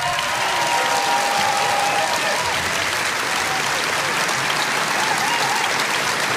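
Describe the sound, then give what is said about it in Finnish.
Sustained audience applause at a tango competition for the contestants and the tango orchestra, a dense, steady wash of many hands clapping at an even loudness throughout, with a faint tonal hum and a hint of crowd voices underneath. “Näin juuri he ovat aplodinsa ansainneet, aivan kuten on myös Samuli Jokisen johtama loistava tango-orkesteri.”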